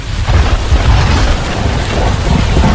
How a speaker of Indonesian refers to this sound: Hujan makin deras nih.